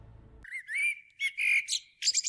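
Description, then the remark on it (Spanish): A common blackbird sings in a run of clear, fluty whistled phrases with short gaps between them, rising into a brighter flourish at the end, after a brief low rumble. “Mirlo común. Gaviota patiamarilla. Milano real. Mosquitero común.”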